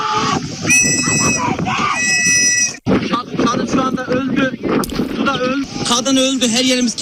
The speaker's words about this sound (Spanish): Así grababa uno de ellos a los que esperaban el rescate en un lateral del barco mientras una mujer grita por los que se están ahogando.